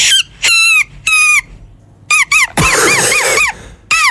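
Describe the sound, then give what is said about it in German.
A grass blade whistle, a small blade of grass held between the hands and blown during a walk, gives shrill, reedy squeals in a series of short bursts, then a longer warbling, wavering stretch and a final brief squeak, with no talking. “Nein, sie hat einfach nur ein Blatt genommen, einfach so einen kleinen Grashalm zwischen die Hände gemacht und dann hast du dieses Geräusch gemacht.”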